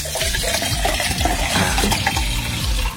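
Water with Tahiti lime pours steadily into a glass for about three seconds, a continuous splashing with a gurgling, rising fill sound and no voices.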